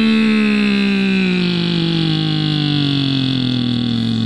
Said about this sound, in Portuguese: E aí os caminhoneiros, pessoal que também tem a caminhonete, né? A diesel. E motor funcionando como novo.